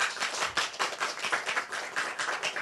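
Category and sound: crowd, audience clapping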